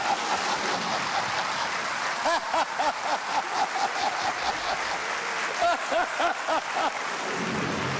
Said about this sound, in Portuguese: Vamos só dizer que lá fora está a cair uma carga d'água.